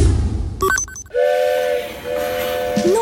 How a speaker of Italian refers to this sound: Il treno.